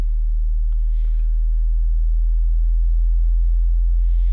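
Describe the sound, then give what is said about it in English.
A steady, very low sine-like tone of about 51 hertz, played as an example of the hum near data centers, hums continuously throughout, deep and loud, with only faint hiss and a couple of soft clicks above it. No one speaks. “That's up to about 51 hertz.”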